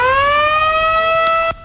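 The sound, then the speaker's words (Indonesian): A loud, steady siren wails with a slowly rising pitch and rich harmonics, sustained for over a second before cutting off abruptly, sounded after President Prabowo Subianto pressed the button inaugurating five dams, at the ceremony in Lombok, West Nusa Tenggara, Indonesia. “Suara sirene meraung-raung setelah Presiden Prabowo Subianto menekan tombol peresmian 5 bendungan di berbagai daerah di Indonesia.”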